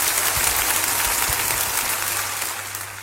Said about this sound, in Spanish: Señoras, señores, bienvenidos. Esos aplausos en la apertura de nuestro programa eran para la cantante española …, una jovencísima saxofonista, trompetista y gran cantante de jazz, junto con el quinteto de su maestro …